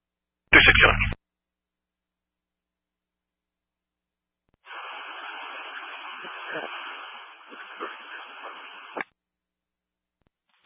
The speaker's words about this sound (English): It's all static.